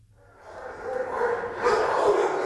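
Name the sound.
many dogs barking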